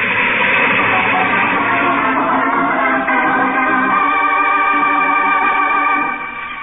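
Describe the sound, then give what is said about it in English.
A train with a headlight approaches on rusted, loose tracks, a loud, steady rumble and clatter with sustained horn-like tones rising out of the noise partway through, fading slightly at the very end. “A train. There's a train coming. It's coming toward me.”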